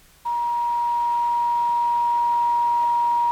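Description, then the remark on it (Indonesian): A steady, loud single-pitch electronic tone starts abruptly after a brief quiet moment and holds unbroken, the continuous tone of a phone line after a listener's call to the Request Pop radio programme was cut off. No one speaks. “Iya, nampaknya ini sepertinya terputus ya.”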